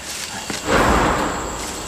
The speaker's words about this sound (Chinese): 这枪声有点远啊，不是小河村那边打的。